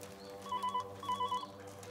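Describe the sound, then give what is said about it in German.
A telephone rings in two short warbling bursts, separated by a brief pause, heard at moderate volume over a steady low background hum, with no one talking. “Ja, jetzt gehen Sie schon ran.”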